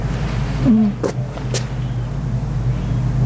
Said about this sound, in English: The roaring back is, that's the generator on some sound system. You can see the lights and everything.